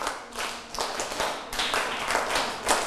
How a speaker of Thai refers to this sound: ปรบมือ1ครั้ง2ครั้ง3ครั้ง4ครั้ง5ครั้งปรบมือ3ชุด